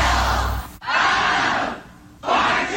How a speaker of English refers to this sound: That's just the crowd.